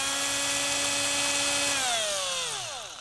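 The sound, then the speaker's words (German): A power drill whines steadily at high speed, drilling a hole in the middle of a triangle drawn for cutting out, then its pitch sinks as the motor winds down near the end. The sound is loud, with no talking. “Dazu bohren wir in der Mitte des Dreiecks ein Loch.”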